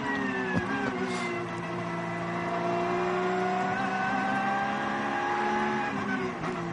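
The leading car in a race goes by, its engine a loud, sustained roar with a steady whining pitch that shifts only slightly over several seconds, heard on its own without any talking.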